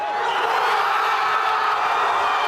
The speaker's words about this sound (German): Der Jubel auf der Plaza Colón kennt keine Grenzen. Wenige Minuten vor Ablauf der regulären Spielzeit endlich das erlösende Tor. Spanien ist im WM-Halbfinale. Doch zunächst erleben Tausende in der Fanzone im Zentrum Madrids ein Wechselbad der Gefühle.